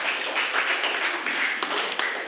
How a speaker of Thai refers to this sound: ยอดเยี่ยมมากๆขอเสียงปรบมือให้กับเพื่อนหน่อยครับ